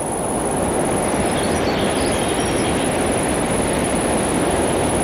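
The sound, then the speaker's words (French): A thin, high-pitched insect drone on a forest track holds steady through the whole recording, sitting above a dense, even wash of rushing background noise. No one speaks. “Le son aigu de l'insecte et quelques chants d'oiseaux diffus composent ce paysage.”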